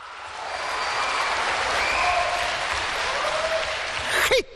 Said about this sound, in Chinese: 上台了，鞠躬了，您该响起掌声了。